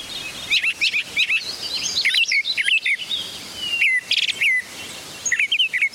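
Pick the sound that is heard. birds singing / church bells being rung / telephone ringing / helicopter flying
birds singing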